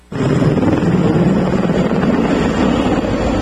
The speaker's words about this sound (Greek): Από αέρος τα ελικόπτερα τύπου Έριξον και τα αεροσκάφη Air Tractor. Αλλά και από το έδαφος οι επίγειες δυνάμεις δίνουν μάχη στον Βάρδα του Δήμου Ανδραβίδας Κυλλίνης για να περιορίσουν την πυρκαγιά.